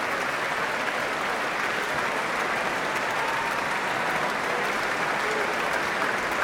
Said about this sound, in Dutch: En nou mag het voltallige orkest gaan staan. En wat een applaus, wat een succes, wat een mooie avond. Hier in het concertgebouw.